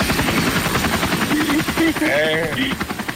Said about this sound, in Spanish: ¡Está el helicóptero!